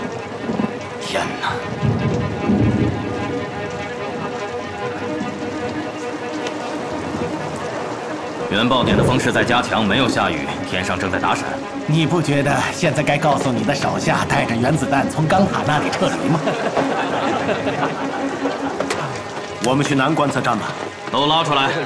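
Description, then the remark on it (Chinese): A loud thunderstorm with lightning over the desert at an atomic bomb test site, with steady rushing rain and low rumbling thunder that swells and grows denser partway through, while voices talk intermittently beneath the storm. “原爆点的方式在加强，没有下雨，天上正在打闪。”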